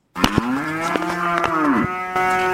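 A cow on a livestock farm in Okigaramango gives one long, loud moo, a sustained low tone with rich harmonics holding for over two seconds, with faint clicks or knocks behind it.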